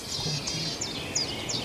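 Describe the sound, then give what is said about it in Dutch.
A bird calls near its nest with a series of about five short, high, downward-slurred chirps at a steady pace, moderately loud over a low background hiss and faint rumble. “Dan hoor je hem roepen.”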